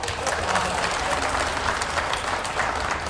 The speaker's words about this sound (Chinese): 我瞧谁鼓掌啊， 甭嘀咕，鼓您的。